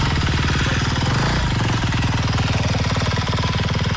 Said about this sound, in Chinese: 整个的一个战法就是一台挖机到两台挖机快速往里推进，了解最前方的任务情况，好部署下面挖机，剩下挖机摆开慢慢往里 多点分散 了。